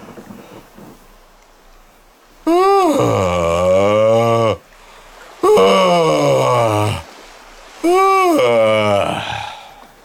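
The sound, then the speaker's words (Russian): Three long, loud, drawn-out yawns from a man's voice imitating a shipbuilder's yawn, each a stretched, groaning sweep of pitch lasting about two seconds, separated by short pauses. “Это зевок, который отправляет как бы в добрый путь.”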